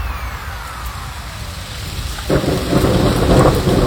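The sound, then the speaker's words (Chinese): Steady rain hisses and patters outside the window, with a low rumble of thunder beneath it; partway through the downpour swells louder and fuller, drops splashing densely. “窗外雨滴滴答答下，溅湿我的”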